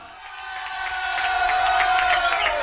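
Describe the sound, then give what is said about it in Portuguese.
A crowd applauding in tribute to footballer Didi (Valdir Pereira), dense overlapping claps that swell slightly in loudness, with a steady cheering hum underneath and no speech. “Palmas pro Didi.”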